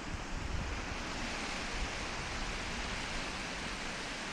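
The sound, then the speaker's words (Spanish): Steady, continuous rush of flowing river water at a riverside resting spot in Cuartango, a dense hiss with low rumbling churn that stays even throughout, with no voices. “Me parece a mí que este es el sitio ideal para hacer un descanso junto al río”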